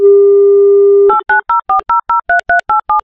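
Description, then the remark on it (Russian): A radio host dials a contestant's phone number during an Avtoradio game: a steady, low telephone dial tone holds for about a second, then gives way to a quick, even run of around ten short two-pitched keypad beeps as the number is dialed. “Набираю ваш номер.”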